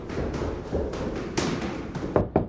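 knocking on a door

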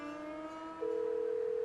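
telephone ringback tone

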